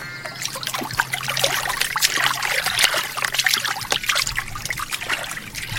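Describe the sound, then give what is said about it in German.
Steady splashing and sloshing of river water as two people jump into the river and swim across it, with small bursts of spray and a continuous trickling rush throughout. No voices. “Ganz mutig steigen die beiden zum Fluss runter und springen in das Wasser, wenn das nur gut geht.”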